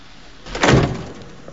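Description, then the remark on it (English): A car's passenger door is pushed open and shut as a woman gets out, with one solid thump, the sound swelling briefly and then fading back into quiet background noise with no one speaking. “She opens the passenger door and gets out.”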